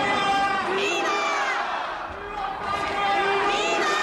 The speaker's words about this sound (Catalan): Clar, respon als crits de viva, viva, a un viva Espanya, No era gaire difícil.